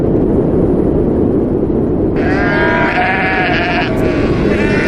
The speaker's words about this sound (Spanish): Esto que estás escuchando son los sonidos que vas a encontrar. Viento y ovejas, básicamente. Mira, las Feroe son un puñado de 18 islas volcánicas perdidas en mitad del Atlántico Norte.